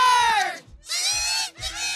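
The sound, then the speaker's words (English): A loud Ottawa hockey arena crowd, backing its team in the Walter Cup final against the Montreal Victoire, roars in three surging waves, shrill cheers and screams rising over the din with brief dips between, and no one speaking clearly. “Ottawa vying to force a game 5 with a noisy crowd to back them up.”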